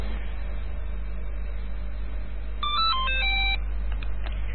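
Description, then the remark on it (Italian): A telephone rings with a short burst of bright, melodic electronic tones lasting about a second, heard over a steady low rumbling hum with no one talking. “Ah, molto bene, quindi era il telefono.”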